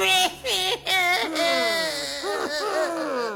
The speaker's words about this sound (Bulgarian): а вътре жена му плачела да примирала.